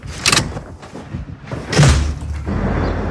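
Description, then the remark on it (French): A drawer slides and shuts as a switched-off phone is left inside it, with a short scraping rush followed by a heavier sliding push that ends in a dull thud. No one speaks. “Je le laisse dans le tiroir et je vais donc pouvoir partir en week-end, l'esprit serein ou pas.”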